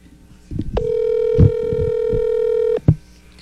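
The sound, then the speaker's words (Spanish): A phone call's ringback tone: one steady, buzzy electronic tone holding for about two seconds, with soft thumps and background rumble underneath and a click as it cuts off. “Ahí le está marcando, ahí le está marcando.”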